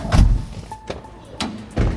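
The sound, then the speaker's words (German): A door is shut with a heavy, muffled thud, followed by rattling and a second deep thump near the end, with faint background noise between the impacts. “Der Letzte macht die Tür zu.”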